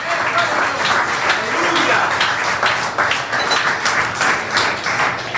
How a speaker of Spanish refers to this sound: Alabado sea el Señor. Denle un aplauso al Señor en esta mañana. Alabado sea Dios.